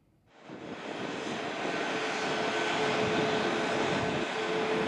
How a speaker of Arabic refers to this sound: وكان مراسلنا قد رصد انطلاق الطائرة من مطار دوسلدورف إلى مطار دمشق الدولي.